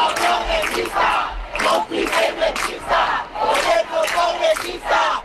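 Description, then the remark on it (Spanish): A large crowd at a protest gathering in Spain chants a rhythmic slogan in unison, loud rising and falling bursts of many voices repeating every second or so, with a constant roar of the crowd underneath. “en las concentraciones que han recorrido España en las últimas horas, se ha escuchado este grito.”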